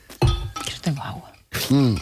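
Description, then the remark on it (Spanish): During a hydration pause on a radio programme, glass clinks in a couple of bright, sharp knocks separated by a short gap as people drink, mixed with brief voiced sounds and murmuring from people. “Bueno, dicho esto, y antes de pasar a lo siguiente, pausa de hidratación. 5 segundos de silencio y beber un poco.”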